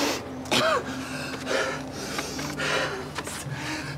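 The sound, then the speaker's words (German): Harsh, strained coughing during an asthma attack: four or five rough bursts at uneven intervals, with raspy, wheezy breathing between them and no talking. “Ich hab einen Asthmaanfall.”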